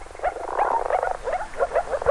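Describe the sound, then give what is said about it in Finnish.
A chorus of frogs calling at spawning time, with repeated short croaking notes overlapping in a steady, busy rhythm. The calls are moderately loud, with no talking. “Viitasammakon ja sammakon erottaakin helpoimmin äänen perusteella, sillä ulkoiset tuntomerkit ovat aika hankalia.”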